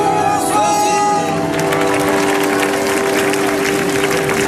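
A crowd at a concert at the Ici là via La Ciotat festival, on the Flottantes stage at the Vieux-Port of La Ciotat, France, claps and cheers in a loud, steady wash that fills the whole clip. Dense clapping thickens after the first second, with faint tonal sounds fading out early.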